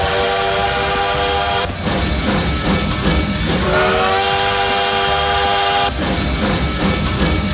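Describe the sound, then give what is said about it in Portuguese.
A loud train rumbles steadily while its whistle sounds two long, drawn-out blasts, the first at the start and the second midway through, over a constant chugging roar. “aqui já aquecendo os motores aqui, ó, trem-bala do Modão da Paz”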